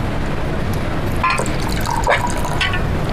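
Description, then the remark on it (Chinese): Liquor pours into a glass in a short stream, its gurgling pitch climbing as the glass fills, over a steady hiss of room noise with no one talking. “大嫂，今天高兴，咱俩喝点， 少整点也行。够了。”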